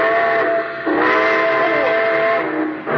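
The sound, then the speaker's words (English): A loud, piercing steam train whistle blows in a sustained, wavering chord for about three seconds as train number 31, the Cinder Bucket, leaves on track 3, with the rumble of the departing train beneath it. “Train number 31, the Cinder Bucket, now leaving on track 3. Board!”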